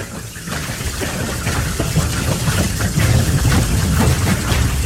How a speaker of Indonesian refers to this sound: Beberapa hari kemudian, hujan turun sangat deras.